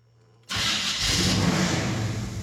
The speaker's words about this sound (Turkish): Bu bir V8 motor. Ve Redline devirlerini kullanmak mümkün. Pekala, şimdi tek yapmam gereken arabayı çalıştırmak.